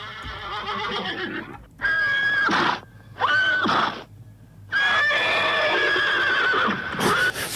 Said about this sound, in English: Here, I got some horse noises for you, just to get you in the zone of that bush poet.